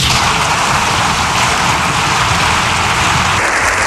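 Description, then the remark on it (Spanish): Loud, sustained audience applause lasting more than seven minutes after a speech, a dense wash of clapping that holds steady for the whole stretch with no voices over it. “La verdad es que el aplauso ha sido espectacular, ¿eh?”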